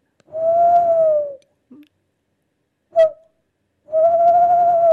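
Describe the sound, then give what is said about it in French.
A tawny owl calls with two long, steady hooting notes, separated by a brief sharp call. The hoots are clear, with no voices. “Ça, c'est la chouette-ulotte, la plus commune et fréquente chez nous, qui est déjà une chouette d'une belle taille.”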